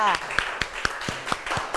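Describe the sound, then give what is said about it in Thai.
A group of students in a class claps together for the representative of the second group, a dense, irregular burst of applause lasting a couple of seconds, with sharp individual claps standing out and voices chattering underneath. “โอเคค่ะขอเสียงปรบมือดังๆให้ตัวแทนจากกลุ่มที่สองค่ะ”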